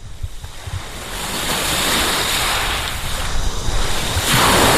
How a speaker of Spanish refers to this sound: Para la despedida, este sonido no está ni mucho menos enlatado. Es el sonido de las olas de Playa de Poniente, en Motril.